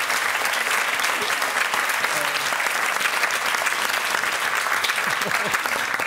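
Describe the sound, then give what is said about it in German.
Steady, dense applause from a crowd played as a sound effect, a continuous wash of clapping at even loudness for several seconds, with no pauses or voices rising above it. “Ich setze mir jetzt einen Applaus.”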